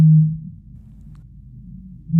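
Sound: eurasian bittern booming call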